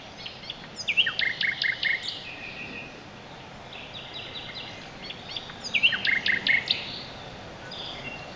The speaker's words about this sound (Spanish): La serenata del ruiseñor al anochecer es una romántica llamada para atraer a la hembra.